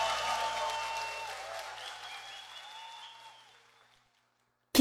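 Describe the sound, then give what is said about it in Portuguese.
A crowd applauds and cheers, a dense wash of clapping with some voices and a few rising whistle-like tones, fading steadily over about four seconds into silence before a brief abrupt burst at the end. “Quem gostou faz barulho!”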